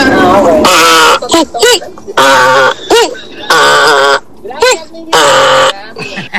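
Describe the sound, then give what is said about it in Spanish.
A person loudly imitates a donkey's bray, repeating harsh, wheezing hee-haw bursts in a rough rhythm, each cry rising and falling in pitch. “Ese es un quejido de burro.”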